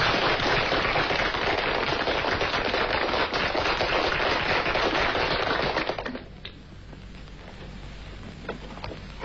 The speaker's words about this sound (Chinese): 现在就请肖先生来给你们上课，拍手。